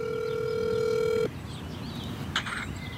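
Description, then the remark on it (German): A single steady ringback tone from a mobile phone on speaker, calling home to Afghanistan from a park in Eisenberg. It lasts just over a second and then cuts off abruptly, followed by faint background ambience and a brief chirp. “das Handy in der Hand auf Lautsprecher gestellt. Er hält es nah an den Mund und ruft zu Hause in Afghanistan an.”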